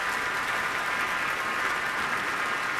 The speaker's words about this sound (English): Alexander making his Minnesota Orchestra debut, the audience back standing again for another ovation, and members of the orchestra are clapping as well.